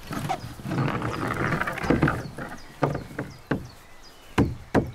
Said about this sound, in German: Okay, ich würde die ein bisschen hochhämmern, auch wenn es unten noch nicht ganz bündig ist. Hammer kommt.